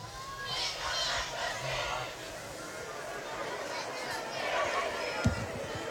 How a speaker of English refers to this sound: It's a very lively crowd. Sold out here at Shelby. The visiting stands filled up. The home stand that we sit on, very, very full.